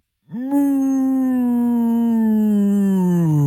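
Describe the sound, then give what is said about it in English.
A person imitates a cow's moo with one long, loud, strained vocal tone that holds steady and slowly sinks in pitch toward the end, with no other sounds around it. “That seems like a cow in pain.”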